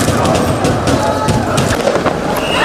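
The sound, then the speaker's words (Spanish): A loud, continuous roar of a celebrating street crowd in Paris on the night of 30 May, after Paris Saint-Germain won its second Champions League in Budapest, many voices shouting at once, punctuated by scattered sharp pops and bangs like firecrackers throughout. “Esto que escuchas es la noche parisina, la noche del 30 de mayo en el que el Paris Saint-Germain conseguía, a unos poquitos de kilómetros de distancia en Budapest, su segunda Liga de Campeones, su segunda Champions.”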